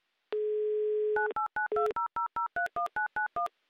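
A steady dial tone is cut off by a quick run of about a dozen touch-tone beeps as a telephone number is dialed, each tone short, clear and evenly paced.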